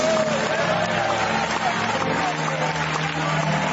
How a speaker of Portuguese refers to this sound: Eu quero ouvir palmas misturado com glória a Deus. Mais forte. Mais alegre. Só quem é adorador. Isto. Quem é pentecostal, batam palmas e glorifiquem a Jesus.